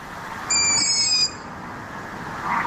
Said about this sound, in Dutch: Ze heeft 3 jonge ransuilen in de boom die de godganse nacht zitten te piepen.